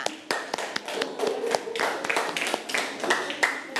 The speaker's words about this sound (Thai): ค่ะปรบมือให้กับตัวแทนกลุ่มที่1ค่ะ